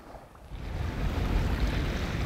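Steady rush of water and wind around a sailing boat under sail with no engine running, off the island of Rügen heading north toward Stralsund, a broad low roar that swells slightly after the first half-second and holds, with buffeting wind on the microphone and no voices.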